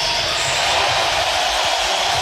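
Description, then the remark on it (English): A large arena crowd at a Nebraska game roars and cheers as starter Jamarcus Lawrence is introduced, a loud, steady wash of noise sustained for a couple of seconds without any clear individual voices. “The crowd will greet him with the following.”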